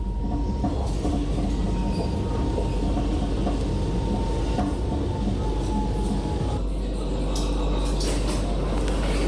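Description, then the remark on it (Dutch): A metro train heading towards Centraal Station rumbles steadily along the rails, loud, with a deep continuous roar, faint metallic squeals and clicks, and a shift in the noise about two-thirds of the way through. “Deze metro gaat richting Centraal Station.”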